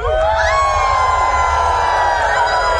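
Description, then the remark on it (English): At a Sasquatch calling competition in New York on a full-moon night, a crowd of voices imitates a full moon howl, many overlapping rising and sustained cries blending into a loud, cheering chorus over a steady low rumble, lasting about three seconds. “Can I hear a little full moon howl?”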